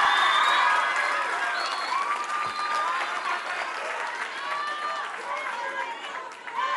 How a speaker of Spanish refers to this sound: Así que un aplauso a nuestra presidenta municipal.